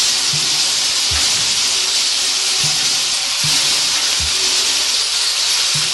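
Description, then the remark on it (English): A shuffle drum filled with this week's songs is spun, giving a steady loud rushing rattle of tumbling contents with soft rhythmic low thumps about once a second as it turns. No one speaks. “They're in there now, let us shuffle them.”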